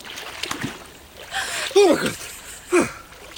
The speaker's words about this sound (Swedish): Jag blev jättesugen på baden när jag hörde dig kvida där i vattnet